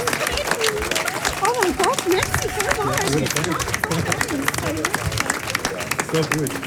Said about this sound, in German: Und der Applaus gebührt nicht nur den Projekten, die prämiert wurden, sondern allen anderen.